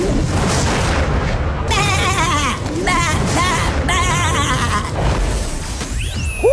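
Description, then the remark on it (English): A person imitates sheep bleating: three wavering, quavering bleats in quick succession, loud, over a constant heavy rumbling background noise. “That's my impression of a sheep or a man finding out his wife is leaving him.”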